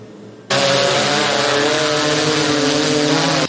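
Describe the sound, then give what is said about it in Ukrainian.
A border-surveillance drone's motors kick in abruptly with a loud, high-pitched buzz, holding a steady droning whine for about three seconds with a slight rise in pitch as it gains altitude. No one speaks. “Дрон набирає висоту, Аня вже стежить за кожним його рухом.”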